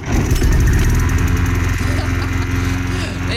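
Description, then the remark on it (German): A lawn mower engine runs steadily and loudly, its low-pitched chugging drone continuous throughout with a slight rough pulsing rhythm. “Um diese Uhrzeit gehen die Rasenmäher an.”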